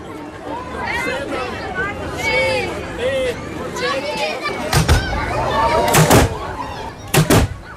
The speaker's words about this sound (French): C'est une tradition. Comme tous les soirs de Ramadan à Sarajevo, ce coup de canon annonce la rupture du jeûne pour les musulmans pratiquants.